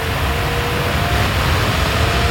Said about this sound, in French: Ça, c'est la clim, hein. Ça y est, on a branché la clim. Ah oui, le bruit de la clim que vous entendez derrière, c'est pour illustrer le thème de la pétition baptisée « Coupons la clim » à Yann Barthès.